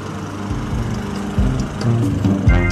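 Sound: lawn mower engine running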